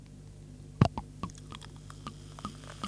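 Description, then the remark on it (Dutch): Sparkling wine from a freshly uncorked bottle being poured into a glass in front of a microphone, heard as a soft, irregular crackle of small pops and fizzing clicks over a low steady hum, quiet, with no talking. “Zal ik hem voor de microfoon inschenken?”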